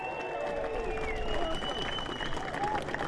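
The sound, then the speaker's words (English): A crowd on the Isle of Man applauding and cheering John McGuinness as he gets up onto the podium in third position on the 350 Honda, a dense, steady wash of clapping that holds for the whole stretch, with a few thin whistle-like tones gliding over the noise. “The crowd really, really appreciating that.”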